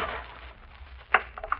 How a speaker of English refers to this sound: Step! I put my foot through.